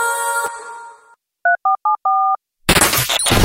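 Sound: telephone number being dialed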